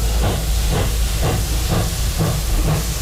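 A steam train hisses steadily and loudly, with rhythmic chuffing bursts about twice a second over a low rumbling drone, with no voices.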